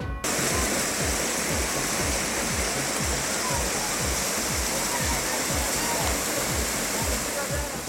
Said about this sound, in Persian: هشدار هواشناسی، کوچه های کابل زیر آب، باران های بیشتر در راه است.